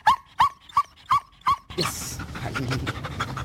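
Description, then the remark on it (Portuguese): A female GNR (Portuguese National Republican Guard) dog named Cobra Kai, at a radio microphone, gives five quick, evenly spaced high yips or whimpers, followed by a rush of noisy breathing and snuffling as she licks the microphone. “A cadela Cobra Kai é agora estrela na rádio. E agora está aqui a lamber o microfone, não é?”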